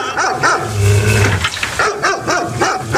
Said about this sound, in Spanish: Si la perra está amarrada, aunque ladre todo.